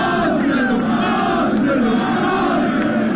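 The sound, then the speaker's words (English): Arsenal football fans in London celebrating the Premier League title roar and chant together, a dense, loud, continuous wall of voices with rising swells of cheering throughout. “London erupted in a sea of red jerseys.”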